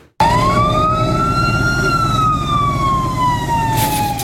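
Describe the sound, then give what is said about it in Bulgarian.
Fire truck sirens wail loudly in one long, slow rise and gradual fall over a heavy, rumbling engine drone, greeting pilot Nikolay Kalaydzhiev with water salutes after his last flight approach at Gorna Oryahovitsa airport, Bulgaria. “С водни салюти и сирени бе посрещнат с нощи героят Николай Калайджиев след последният му заход във въздуха в Горна Оряховица.”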